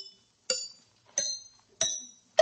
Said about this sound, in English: The book says one can detect an ailing tooth by the dull sound it makes when struck lightly by a hammer. Sounds logical. Let's give it a try.